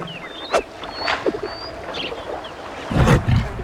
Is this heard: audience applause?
no